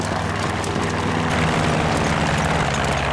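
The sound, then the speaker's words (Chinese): The steady, droning propeller engine of an approaching reconnaissance plane hums throughout, with a low rumbling tone and a broad airy wash that holds constant and loud, with no voices. “侦察机来了，侦察机马上就到”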